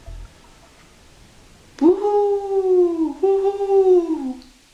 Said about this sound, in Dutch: Zo klonk het boven in de boom. Ja, daar zat een uil.